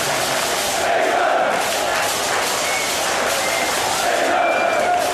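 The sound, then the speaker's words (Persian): A large crowd of England football fans at Boxpark in west London, watching England's match against Mexico, chants and shouts in a dense, continuous roar, with sung chant lines such as "England, England" rising above the steady wall of voices at an even, loud level throughout. “باکس پارک غرب لندن برای چند ساعت به امتداد ورزشگاه آستکا تبدیل شد، جایی پر از آواز، استراب، بغل‌های ناگهانی و فریادهایی که تا سپیده دم ادامه داشت.”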